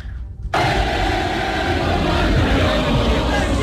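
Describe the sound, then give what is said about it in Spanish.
A dense, roaring wash of many voices, a big street crowd in France singing the Marseillaise together to celebrate reaching the quarter-finals, bursts in after a brief quiet moment and stays loud and steady to the end. “La gente, imagínate la emoción de Francia de llegar a cuartos de final, salió a las calles a cantar la Marsellesa, se escuchaba así.”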